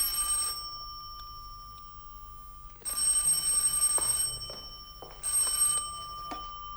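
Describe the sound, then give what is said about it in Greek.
A telephone bell rings in repeated bursts for a call from the dining room, a bright, buzzing metallic trill broken by short silences, heard alone with no voices. “Από την τραπεζαρία τηλεφωνούν.”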